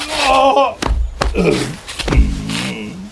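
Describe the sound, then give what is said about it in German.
Someone slips on overnight black ice outside a door and falls, with a few heavy thuds and scuffs, mixed with startled wordless cries and groans from more than one voice. “Jetzt bist du auch hingefallen. Warum ist das so rutschig? Es hat heute Nacht Glatteis gegeben.”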